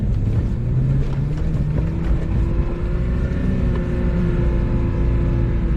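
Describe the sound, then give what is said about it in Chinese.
An off-road car engine roars steadily under heavy throttle as it is driven in soft sand without enough speed and fails to speed up, a loud, continuous low rumble with harmonic tones shifting slightly in pitch as it labors. No one speaks. “你看现在这个车挂了第四二档，动力是够的，然后呢，你就是很给油，看很给油，看吧看吧，哎，看看速度没起来，对不对？”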